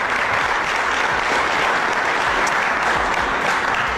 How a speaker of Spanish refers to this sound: Y aquí tenemos a dos de los campeones de ese gran torneo. Un fuerte aplauso a estos compañeros.